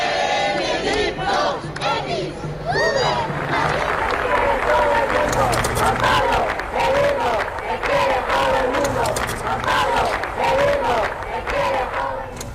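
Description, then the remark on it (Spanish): A large crowd shouts rhythmic chants in unison during a papal visit in Madrid, voices rising and falling in repeated phrases, loud and continuous with scattered clapping underneath. “Estos son algunos de los gritos que había que se escucharon en Madrid en las anteriores visitas de los papas Juan Pablo II y Benedicto XVI.”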